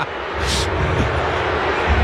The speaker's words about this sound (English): A pretty underwhelming boo from Eden Park, so I think they understand.